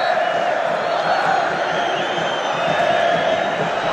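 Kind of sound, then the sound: crowd, football stadium crowd cheering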